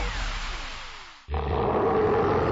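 A loud big-cat roar with a falling pitch lasts about a second, breaks off abruptly, then gives way to a second rough, rumbling roar. No one speaks.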